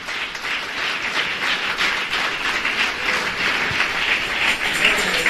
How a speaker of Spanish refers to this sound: Dele palmas a Dios en esta noche.